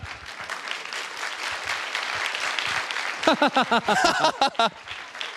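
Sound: applause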